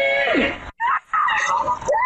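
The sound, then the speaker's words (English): A woman screams for help in her neighborhood, recorded by a doorbell camera around 1:30 a.m. as a man who followed her home beats her: shrill, strained bursts, with a brief pause between two anguished outcries that sound desperate and fairly loud, with no other voices talking over them. “You could hear this woman just screaming for help in her neighborhood.”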